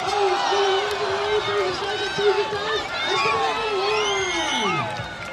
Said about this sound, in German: beim Schweinerennen kann man sich noch gemeinsam freuen. Arnold Schwarzenegger gewinnt. Jubel von allen Seiten.